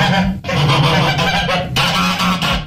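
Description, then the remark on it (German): A flock of geese honks and cackles loudly and continuously, overlapping harsh calls filling the whole stretch with a brief dip in the racket partway through. “Gänse, die schnattern, können einem Uhühnen auf den Senkel gehen.”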